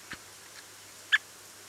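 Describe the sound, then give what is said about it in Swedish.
A white-backed woodpecker call: one sharp, high-pitched 'kik' note stands out in quiet surroundings, with a couple of much fainter, softer notes just before it. “har du koll på den vitryggiga hackspetten? Vi gick in på fågelsång.se, där kan man ju lyssna på hur de låter.”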